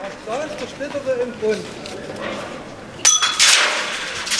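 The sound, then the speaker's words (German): Indistinct voices murmur at first, then one loud glass smash bursts in near the end, followed by a bright, tinkling spray of scattering shards, as a master carpenter smashes glass for luck at a topping-out ceremony of a new building shell. “Und der Zimmermeister mit seinem feierlichen Richtspruch und den glückbringenden Scherben dem Ganzen den offiziellen Rahmen setzte.”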